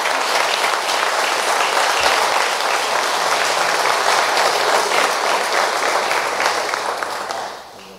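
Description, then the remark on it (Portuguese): A crowd claps for Jesus in dense, sustained applause for about seven seconds before it tapers off at the end, loud with no talking over it. “E palmas para Jesus.”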